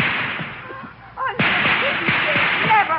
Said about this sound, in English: Open fire